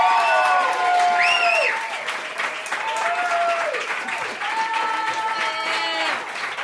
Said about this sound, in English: She's from L.A., so give her a whole lot of love. She came all the way to fucking Cleveland. She could be in L.A. So start clapping right now for Beth Sterling, y'all.